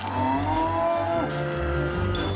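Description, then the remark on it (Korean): A calf that escaped its cowshed moos loudly, one long drawn-out call with a wavering pitch that slides down and then rises again. No one talks over it. “다른 송아지도 찾아봅니다.”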